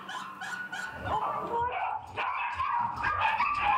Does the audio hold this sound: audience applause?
no